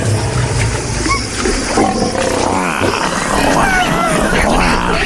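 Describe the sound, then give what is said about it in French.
Big cats roar and growl loudly, several deep overlapping roars rolling over one another in a dense, continuous wall of sound for the whole stretch. “les fauves du show business mondial et de la politique et surtout de RTL rugissent d'impatience”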